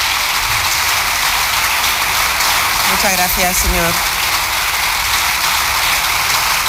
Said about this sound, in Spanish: Larga ovación.